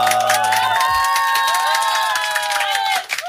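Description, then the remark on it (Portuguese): A loud, dense burst of crowd cheering with whoops and scattered clapping, sustained for a few seconds before cutting off abruptly. “Merece salva de palmas.”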